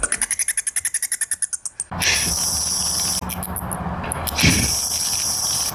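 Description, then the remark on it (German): Bat echolocation calls: a fast, even train of sharp, high-pitched clicks, followed by a loud, hissing wash of noise with scattered chirps and ticks. No one speaks. “Sie bewegen sich lautlos durch die Dunkelheit, schlafen tagsüber und haben eine Echoortung, so etwas wie ein Hightech-Radarsystem. So hören sie Fledermäuse übrigens an.”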